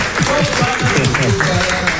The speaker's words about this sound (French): donc on applaudit